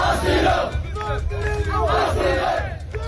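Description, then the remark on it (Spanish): A large crowd of migrants in Ceuta shouts "asilo" (asylum) together, asking the Spanish government to grant them asylum, in loud, overlapping voices, the cries rising and falling in repeated waves like a chant, with a steady low rumble underneath throughout. “Lo que gritan es asilo, piden al gobierno español que les conceda el asilo en nuestro país.”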